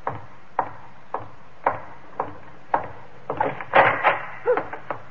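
Heavy wooden knocks and thuds, a steady run of single impacts followed by a burst of clattering, scraping wood as a door is barred shut on a guard, fairly loud with no voices.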